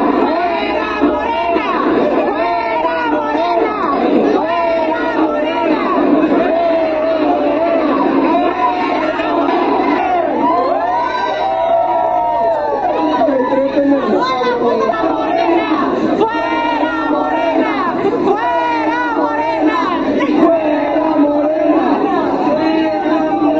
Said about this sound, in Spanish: No, sí eran como siete. Exageré, sí eran como siete gritando fuera Morena.